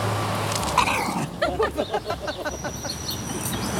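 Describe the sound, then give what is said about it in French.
A dog, Nana, growls at another dog through a wire fence in a short run of rough, pulsing rumbles, over steady outdoor background noise. “Il est à travers le grillage, donc là, il va y avoir un petit... Bah, pourquoi tu grognes ?”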